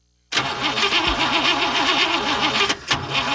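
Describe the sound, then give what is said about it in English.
A car engine cranks over and over without catching as the key is turned, a loud, rhythmic grinding churn that breaks off for a moment and then resumes, never settling into an idle. “We turn the key and our car just doesn't want to start.”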